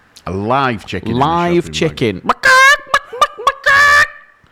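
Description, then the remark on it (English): A man's voice imitates a clucking chicken, with warbling, rising clucks building into a few loud, strained squawks and short sharp clucks in between. “That was a good chicken.”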